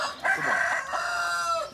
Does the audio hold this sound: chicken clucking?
yes